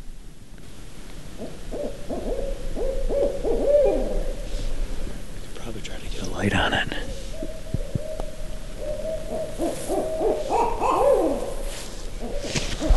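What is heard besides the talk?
owl hooting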